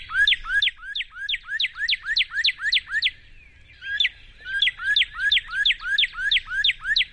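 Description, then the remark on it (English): A northern cardinal sings two bursts of rapid, repeated slurred whistles, each run of about ten notes, clear, with a brief pause between the phrases and no talking. “But the sound, I'm going to see if I can play the cardinal sound.”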